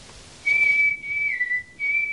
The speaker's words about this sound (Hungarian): Fütyült a fickó.